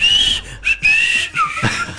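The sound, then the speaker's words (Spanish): A person whistles a bright, birdlike melody, sliding between high held notes in short chirpy phrases with brief pauses, imitating birdsong with no talking. “Ya va a cantar, vos ya no le escucharon que esté silbando el pajarito.”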